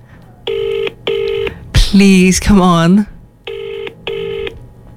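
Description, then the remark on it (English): A phone ringback tone on loudspeaker, calling someone's dad, repeats in a double-ring pattern, two short buzzy tones, a pause while someone speaks anxiously, then two more identical tones, steady and fairly loud. “Oh, it's ringing. Please answer.”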